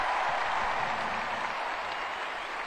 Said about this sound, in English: Big round of applause, lots of enthusiasm.